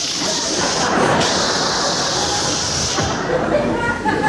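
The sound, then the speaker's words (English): A voice makes a long, steady hissing "shh" sound, imitating air escaping from a balloon, held fairly loud for several seconds without a break. “And he was a clever little balloon because he didn't want to look conspicuous himself, and he decided on his way out of the room he'd let some of the air over himself. So he began to say, shh.”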